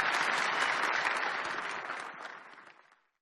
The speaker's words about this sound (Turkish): Sayın Recep Tayyip Erdoğan'a, kıymetli sporculara, kıymetli gençlerimize huzurlarınızda teşekkürlerimi sunuyoruz ve Sayın Cumhurbaşkanımızı saygılarımızla ve kuvvetli alkışlarımızla uğurluyoruz efendim.